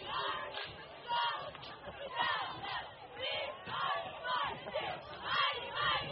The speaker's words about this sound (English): Good crowd on hand here tonight for homecoming of Blooming Prairie. Sands pretty well packed this evening.